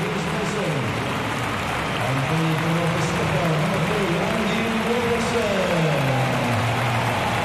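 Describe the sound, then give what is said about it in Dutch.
Steady, dense applause from a large stadium crowd at Hampden, for captain Andy Robertson and for Craig Gordon as Scotland make substitutions, fills the whole stretch, a broad hiss-like roar of clapping, while a man's voice talks over it throughout. “Applaus van Hamden voor de aanvoerder Andy Robertson.”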